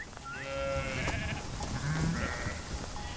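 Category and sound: animal, sheep bleating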